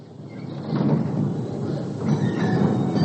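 A tram with few passengers rumbles steadily along its rails on a street in Xinjing while it rains, a continuous low rolling roar with faint rattling, swelling slightly partway through. No one speaks.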